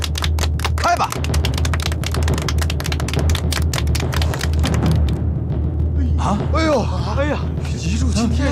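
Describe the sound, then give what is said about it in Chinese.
Dice rattle rapidly in a shaker cup, shaken for a gambling game of betting on big or small, a dense burst of loud clicking for several seconds that then stops, with voices and a steady low background hum underneath. “好，最简单的，摇骰子赌大小。”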